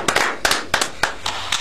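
Hand clapping in a steady rhythm, with about six sharp, bright claps at even intervals over a softer wash of scattered applause. No one speaks.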